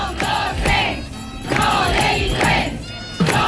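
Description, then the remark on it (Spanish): Hundreds of striking teachers chant the protest slogan "Somos docentes, no delincuentes" in unison at the gates of the Consellería, a loud, rhythmic call repeated in steady bursts, with the crowd's voices blending into a single forceful roar. “Somos docentes, no delincuentes, es lo que gritan a esta hora centenares de profesores a las puertas de Consellería”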